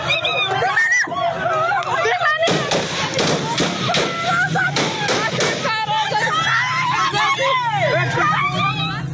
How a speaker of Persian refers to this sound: این اعتراضات در واکنش به بازداشت زنان و دختران از سوی نیروهای آمر به معروف طالبان برگزار شد. معترضان شعارهای مبنی بر حق تحصیل، کار و آزادی سر می‌دادند.